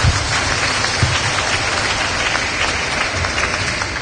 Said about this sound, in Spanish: unos fuertes aplausos